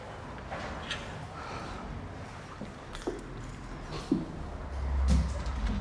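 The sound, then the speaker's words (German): A door is pushed shut, with a few dull knocks and thuds and a low rumble as it closes, against a quiet background with no talking. “Nicht gegen die Türe, die mache ich zu, ja?”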